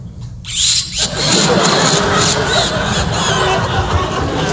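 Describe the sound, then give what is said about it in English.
A human voice imitates a car starting up: a low rumbling crank that quickly swells into a loud, steady, high whining engine roar with a squealing edge, sustained for several seconds. “Then I went down and started up the car.”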